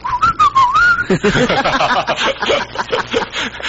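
Someone gives a brief, wavering whistle lasting about a second, clear, followed immediately by bursts of snickering laughter.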